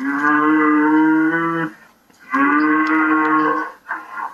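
A cow moos loudly: two long, drawn-out lows separated by a brief pause, then a shorter third call trailing off at the end.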